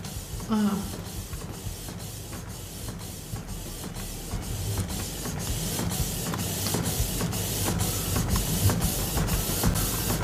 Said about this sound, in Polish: Jest! Zaczyna drukować. Ciekawe ile. Może on tak długo się zbierał, żeby jakąś dużą ilość wydrukować. A, teraz drukuje w kolorze, więc... Po czym poznajesz, bo nawet nie? Jest wolniej.